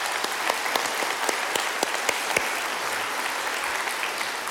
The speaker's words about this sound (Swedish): Så det är verkligen applåd, tycker jag.